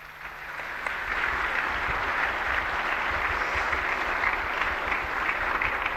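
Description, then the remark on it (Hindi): Sustained, dense applause from a large crowd, building within the first second and holding steady and loud throughout, with no speech over it, at a Pradhan Mantri Viksit Bharat Rozgar Yojana event as a scheme beneficiary welcomes the Prime Minister on stage with flowers. “एक बार जोरदार तालियां।”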